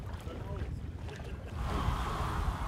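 A sailboat moves only by wind power across the open water of the Müritz lake, wind rushing steadily past and water washing along the hull, the gusty noise swelling louder partway through, with faint voice-like murmurs early on.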